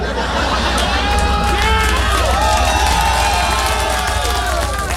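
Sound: audience clapping and cheering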